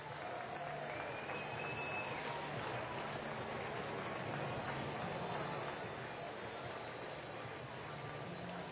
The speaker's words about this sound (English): Well-deserved round of applause